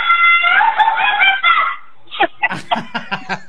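A man lets out a loud, sustained high-pitched shout for almost two seconds, then after a short pause follows it with a string of quick, choppy yelping bursts almost like laughter.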